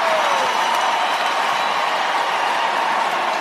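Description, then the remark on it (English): A large arena crowd at an ice hockey game, the San Jose Sharks playing, reacts with a loud, steady roar of cheering as 49ers player George Kittle takes a big swig of beer wearing a Nashville Predators jersey; the noise holds at an even level for a few seconds, no single voice standing out. “Crowd reacting a moment ago to George Kittle, 49ers player, taking a big swig of beer wearing a Nashville Predators jersey.”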